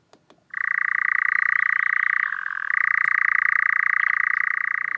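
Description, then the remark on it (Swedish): A European nightjar churs in a long, continuous mechanical trill, steady and fairly loud, with a brief dip in pitch midway. A couple of soft clicks come just before it starts. “Den här nattaktiva fågeln, nattskärra, har en vingform som är en kompromiss mellan att flyga långsamt men kvickt byta riktning när den jagar insekter och att flyga snabbt och effektivt när den flyttar på våren och hösten.”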